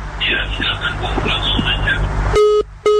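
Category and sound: signal or alarm, telephone line disconnect tone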